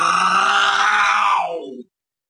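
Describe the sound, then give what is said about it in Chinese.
A male storyteller's voice imitates a tiger's roar, one sustained, rough growling cry lasting under two seconds, loud and strained, then cutting off abruptly into silence. “紧接着就听见一声虎啸，啊！”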